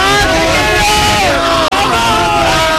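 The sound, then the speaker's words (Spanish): A large crowd in the Plaza de Colón in Madrid, Spain, yells, cheers and hugs, celebrating a goal scored by Spain that puts them in the final. Many voices overlap in a loud, continuous roar that breaks off for an instant before surging back. “Esto ha sido una locura. Todo el mundo gritando, celebrando, abrazándose entre ellos.”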